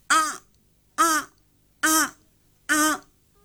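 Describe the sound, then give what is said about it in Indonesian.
A person's voice mimics the call of a crow sitting in a tree: four short, harsh, cawing cries repeated at an even, unhurried pace, each about the same loudness, with quiet gaps between and no other talking. “Biasanya dia masih duduk di pohon, suaranya begini.”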